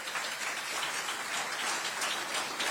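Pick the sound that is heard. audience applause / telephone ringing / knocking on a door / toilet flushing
audience applause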